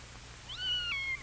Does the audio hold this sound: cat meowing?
yes